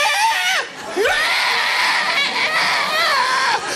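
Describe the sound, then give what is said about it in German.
A voice imitates an ostrich call with strained, raspy screeching, sliding up in pitch after a brief break and then holding a harsh, wavering squawk for a few seconds, loud and alone. “Ich schaue die Strasse an und plötzlich taucht ein Strauß auf, flügelt raus, rennt auf mich zu und das Geräusch einfach taucht auf mich.”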